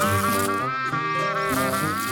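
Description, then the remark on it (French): A fly buzzes steadily and loudly for about two seconds, its droning hum wavering slightly in pitch without pause. “Tandis que les autres mouches se contentaient de virevolter au gré du vent, de se poser sur les fruits mûrs, les museaux des vaches ou les crottes de chiens,”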